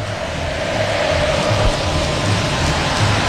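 A large crowd of São Paulo football supporters at the Morumbi sings the chant 'O São Paulo é sentimento que jamais acabará' together, a dense, steady wall of voices that keeps an even loudness throughout, with no one speaking over it.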